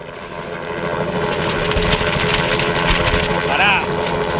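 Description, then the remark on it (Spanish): A loud, steady helicopter engine drone as the helicopter arrives and sets down on a roof, thick and rumbling with a layered mechanical whine running through it, and a brief wavering high whistle rising briefly near the end. “Qué precario que está el helicóptero este.”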